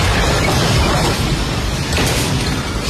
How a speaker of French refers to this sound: Cet ancien parlementaire se trouvait à l'aéroport international de Caracas au moment du séisme. Il a pu filmer l'effondrement d'une partie du plafond dans un grand fracas.